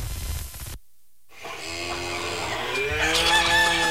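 After a brief silence, a rooster crows loudly while hens cluck and squawk around it, several fowl calls overlapping in a busy, continuous barnyard chorus.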